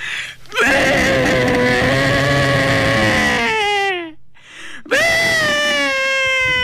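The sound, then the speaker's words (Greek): A human voice imitates the wailing bleat of a white sheep, the cry called the mother's cry: one long, loud, quavering cry that tapers off, a brief gasp, then a second sustained, wavering wail. “Ο ήχος λοιπόν του λευκού προβάτου πάει κάπως έτσι.”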